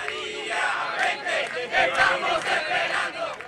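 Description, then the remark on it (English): A large crowd of hundreds chants together in a loud, steady roar of many voices, rising and falling in rhythmic pulses, in the streets of Caracas, Venezuela, demanding the return of exiled opposition figure Maria Corina Machado, with messages like "Come back, we are waiting for you". “Come back, we are waiting for you, one of the messages echoing through the streets of Caracas.”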